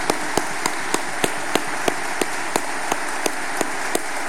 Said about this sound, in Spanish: Me da mucho gusto, Padre Paco, que te aplauden por una labor de verdad excelente que haces en nuestra iglesia de Santa, y no solamente de Santa Cruz, también a nivel de la iglesia de Bolivia. Nuevamente un fuerte aplauso para Padre Paco.